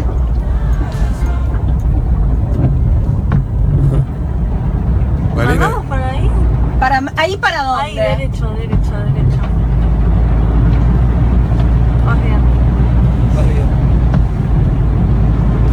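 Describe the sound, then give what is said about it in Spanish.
A Renault 4 car's engine drones steadily throughout the drive, a loud low rumble that never lets up, while people talk over it. “¿Cuál es este? Es el Renault 4.”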